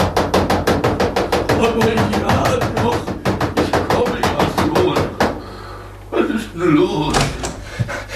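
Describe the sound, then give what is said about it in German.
Rapid, frantic pounding by Herr Ärmel on the wooden door of the little castle between the two peaks, a long run of loud, closely spaced thuds for about five seconds, then a pause and a few more bumps as a voice begins speaking. “Als Herr Ärmel, der ganz fassungslos vor Staunen dastand, endlich begriffen hatte, wer da gekommen war, rannte er sofort zum Schlösschen zwischen den beiden Gipfeln hinauf und polterte aufgeregt gegen die Tür.”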